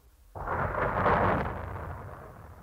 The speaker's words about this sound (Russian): Бог с тобой, девочка, это гроза. На совершенно ясное небо.